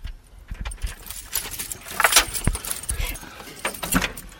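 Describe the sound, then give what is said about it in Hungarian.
Keys jangle and scrape in a lock, with metallic clicks and clanks as the parish priest unlocks the large iron side door of a Romanesque chapel standing in the middle of a forest. Faint background sounds persist throughout. “Megnyitja plébános úr, és oldalról lépünk be a Fehér kápolna belső terébe.”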